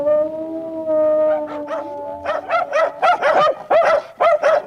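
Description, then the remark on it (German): A dog lets out a long, steady howl, then breaks into a quick run of about eight loud barks in an uneven rhythm. No one speaks. “Und eine Sache ist ziemlich klar, das sagen Wissenschaftlerinnen und Wissenschaftler, der Hund stammt vom Wolf ab.”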